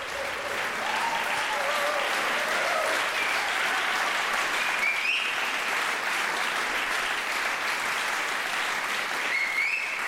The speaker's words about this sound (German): Und dieser begeisterte Beifall in der Orangerie in Herrenhausen gilt der NDR Radio Philharmonie und ihrem ersten Gastdirigenten Jörg Wiedmann. Sie hören dieses Konzert der Kunstfestspiele Herrenhausen hier bei NDR Kultur.